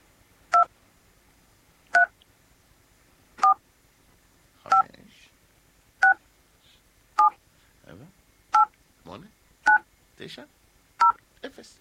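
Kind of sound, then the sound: signal or alarm, telephone keypad DTMF tones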